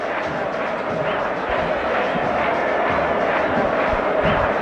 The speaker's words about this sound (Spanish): Aplauso sí.